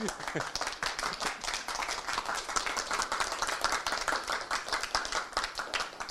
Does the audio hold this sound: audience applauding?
yes